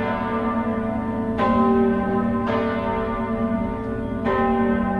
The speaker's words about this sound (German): das Glockengeläut der Stiftskirche St. Leodigar im Hof in Luzern.